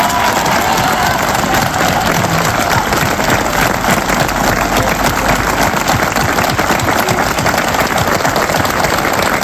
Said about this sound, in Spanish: Queríamos darle un fuerte aplauso a todos por la labor tan grande que están haciendo con nosotros. ¿Vale? Un aplauso y un viva por todos ellos.